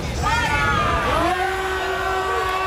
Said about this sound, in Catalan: Els crits de fora a fora dels manifestants en contra de Junts per Catalunya, a qui culpabilitzen d'haver fet caure aquests dos decrets d'habitatge.